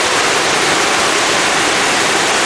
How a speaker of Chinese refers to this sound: 怎么样，是不是很有壶口瀑布的感觉啊？但是这真的不是黄河，而是清水河。